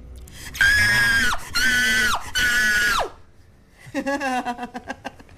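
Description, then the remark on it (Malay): A voice lets out three long, loud, high-pitched screams in quick succession, then breaks into a shaky, stuttering cry that fades, like someone acting out terror. “Menjerit dalam keadaan ketakutan.”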